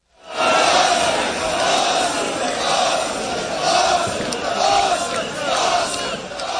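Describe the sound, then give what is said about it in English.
A huge crowd of Arsenal football fans, tens or probably hundreds of thousands, chants loudly in unison in North London while celebrating the team's English Premiership victory, voices swelling in rhythmic, repeated phrases over a constant roar, with no break for about six seconds. “That was the chant echoing around parts of North London today, where tens, probably hundreds of thousands of Arsenal football fans gathered to celebrate the team's victory in this year's English Premiership.”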